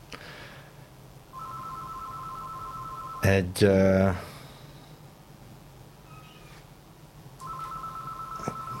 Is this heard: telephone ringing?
yes